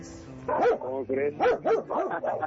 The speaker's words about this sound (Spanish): Y así como tú tienes también perros, pues agresivos, de este lado también hay.